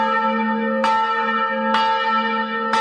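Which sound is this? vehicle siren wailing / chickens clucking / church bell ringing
church bell ringing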